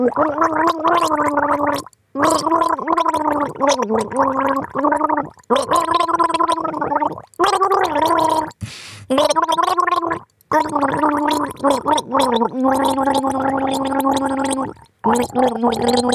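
Someone gargles water while humming a song's melody for listeners to guess, the bubbling voice rising and falling through sustained notes in several phrases separated by short pauses, loud and continuous.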